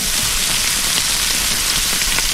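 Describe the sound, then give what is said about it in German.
Meat sizzling on a grill: a steady, dense hiss with tiny crackles and pops scattered throughout, loud and unbroken for a couple of seconds, with no voices. “Es brutzelt das Fleisch und wenn das dann kommt, schnell anrufen”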